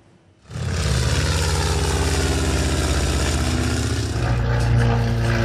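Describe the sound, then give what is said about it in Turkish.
A loud, steady droning of piston propeller engines of historic aircraft flying in formation at the Sivrihisar Air Shows starts abruptly and holds a dense, rumbling roar throughout, with harmonic buzzing. “Tarihi uçakların kol uçuşu ilgiyle izlendi.”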